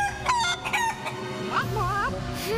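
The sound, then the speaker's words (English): Chickens Benny, Lenny and Jenny, which are in a tank, cluck, and a rooster crows in a busy, overlapping burst. It is loud, with several birds calling at once over a steady background hum. “Sounds like chickens.”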